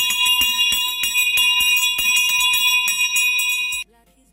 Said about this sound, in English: So the first bell has just been rang. So guys, get yourselves ready.